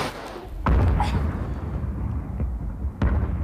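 A strong bomb explosion, after the bomb is thrown out through a window, bursts out with a deep, rumbling boom, followed by a rolling low roar and a second sharp blast near the end; no one speaks.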